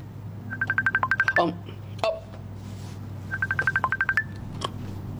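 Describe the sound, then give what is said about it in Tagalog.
A cellphone rings with two quick bursts of rapid, evenly spaced electronic beeps, clear, separated by a short pause and a sharp click, over a low steady hum. “Ay, ang cellphone mo, nagaring.”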